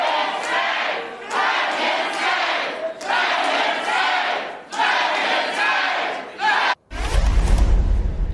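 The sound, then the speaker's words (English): A large indoor crowd at a town hall of Republican Congressman Mike Lawler shouts and chants in loud, sustained waves with brief dips between bursts, ending in a sudden cut to a louder, rumbling roar of many voices. “He seems nice, and he hopes that Democrats have a retaking control of Congress starts with people in the crowd you just heard from there voting their representative Republican Congressman Mike Lawler out of his job, out of office.”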